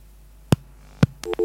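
Two sharp clicks on a phone line, like a receiver being put down, followed by a short burst of electronic telephone tones as the call drops. No one speaks.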